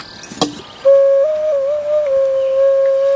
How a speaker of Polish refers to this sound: Jest kilka okaryn.